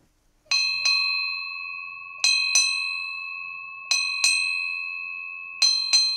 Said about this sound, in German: Acht Glockenschläge. Eine alte Seefahrertradition. Sie bedeutet: Eine wichtige Person ist von Bord gegangen.